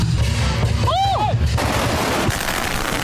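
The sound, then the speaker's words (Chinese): Rapid strings of firecrackers, lit and thrown into the center of a square to open the Zhahuoshi fire-poem performance, a Zhuang Lantern Festival custom in Lianshan, China, pop and crackle continuously, dense and loud, with a brief whistling tone rising above the barrage early on and crowd noise mixed in. “当领诗人点燃鞭炮，率先投向场中央，炸火诗表演正式开始。”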